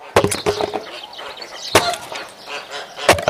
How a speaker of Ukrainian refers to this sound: А я тобі казала пилку купити? Казала. А ти знову своєю сокирою до літа будеш ці дрова рубати.